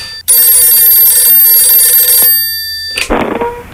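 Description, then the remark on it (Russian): A telephone rings loudly in one sustained, bright metallic burst of about two seconds, then falls quiet before a short rustling clatter, with no voices. “О, Наташа звонит.”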